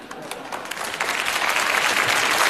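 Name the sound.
audience applause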